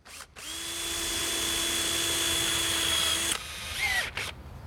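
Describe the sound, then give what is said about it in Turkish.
An electric drill whirs at a steady, high pitch for about three seconds, then cuts out abruptly; a short falling whine follows as it sputters and dies. “Matkap öldü.”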